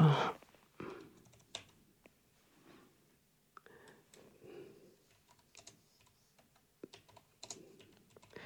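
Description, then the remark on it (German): Irregular bursts of typing on a computer keyboard by a radio editor, fairly quiet, with sharp key clicks clustered in quick runs separated by short pauses, and no voices. “Sie hören mich jetzt tippen.”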